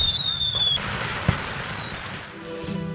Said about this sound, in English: And the grand finale at 10 p.m. The annual July 4th fireworks display at the Gregory Airport.